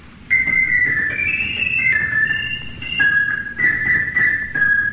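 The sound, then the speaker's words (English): An organ plays an imitation of the purple finch's song: a bright, high-pitched melody with a quick run of sustained, shifting whistle-like notes that rise and fall for several seconds over a faint low rumble. “That sounds like the purple finch. That is the purple finch.”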